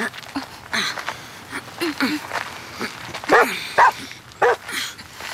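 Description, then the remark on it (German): A scent hound, a kind of blood-tracking hound, barks in a run of sharp, irregular barks and short yips, clear, with a couple of louder, more forceful barks near the end. “Ist das ein Schweißhund? Ja, sowas in der Art.”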